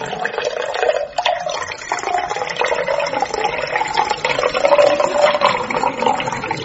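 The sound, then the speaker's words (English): A drink is poured steadily into a tall glass, a continuous splashing gurgle with a faint rising tone as the glass fills, lasting several seconds without any voices. “I'm only pouring you one. Here goes.”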